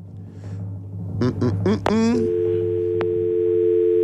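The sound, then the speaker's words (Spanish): A brief voice is followed by a steady electronic ringback tone of an outgoing phone call to a person in the Maule region, starting abruptly and holding unbroken for about two seconds, clear and fairly loud over a low background hum. “Estamos llamando a”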